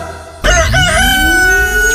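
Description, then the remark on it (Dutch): A rooster crows loudly in a good-morning jingle of the Venlo Vintage radio station, after a brief quiet moment, its sustained call bending upward in pitch and holding strong to the end, with a steady low hum running underneath. “Een frisse start, een nieuwe dag, de haan is al uit de veren.”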